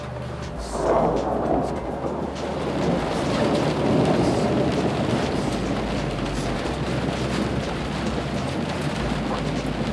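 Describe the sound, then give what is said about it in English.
Steady, dense rain hisses throughout while a deep, rolling rumble of thunder swells early on and lingers low underneath, loud with no voices, during a lightning storm as a front comes in. “I don't think anything's gonna happen until this lightning leaves, though.”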